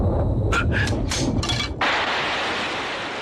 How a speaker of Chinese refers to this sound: 刘备假装自己胆子小，天上打一雷他筷子都掉地上了。